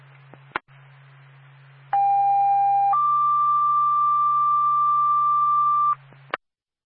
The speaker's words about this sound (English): Twin State 2 Bath Fire Department, standby for tone.